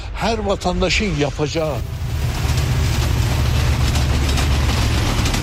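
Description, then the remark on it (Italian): Busy railway station ambience at Van, where a night train from Tehran arrives twice a week and taxi drivers surround passengers: a steady low rumble of trains and crowd noise, with voices talking over it at first before the bustle fills the background. “C'è trambusto alla stazione ferroviaria.”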